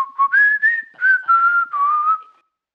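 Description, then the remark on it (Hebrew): Someone whistles a cheerful little tune to himself while walking away, a string of clear, sustained notes that step up and down in pitch over a few seconds before trailing off. “הוא חייך, הסתובב, והלך כשהוא שורק לעצמו שיר עליז.”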